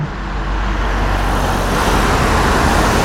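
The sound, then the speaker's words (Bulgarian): Heavy road traffic roars steadily along a busy highway stretch between Sozopol and Burgas on the southern Black Sea coast, a dense, continuous wash of engine and tyre noise with vehicles passing and no voices. “едно от големите предизвикателства и за домакините, и за гостите ще е трафикът”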